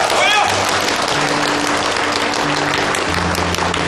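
A crowd of wedding guests breaks into sustained, dense applause as the groom is invited to speak, many hands clapping loudly and steadily for several seconds, with a few cheers and low sustained tones mixed in beneath.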